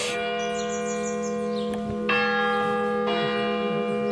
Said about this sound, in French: Voilà, la cloche sonne tous les quarts d'heure.